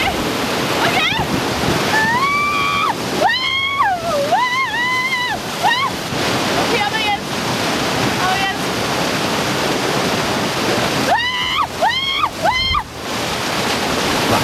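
Steady, loud rushing water from an artificial surf wave at a thermal spa in Ischgl roars throughout, with raised voices calling out over it in bursts near the start and again toward the end.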